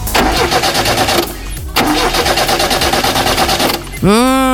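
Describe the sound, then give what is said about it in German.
A car engine cranks with a fast, rhythmic churning in two loud attempts separated by a short pause, never catching. A brief voiced exclamation follows at the end. “Wir wollen ja immer schnell zur Arbeit und das Auto springt dann einfach nicht an.”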